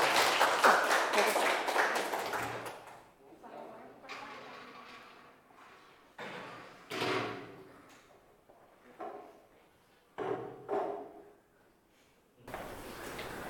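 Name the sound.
audience applause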